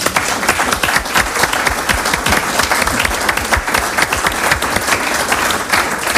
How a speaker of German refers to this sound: Ich finde, das hat einen großen Applaus verdient.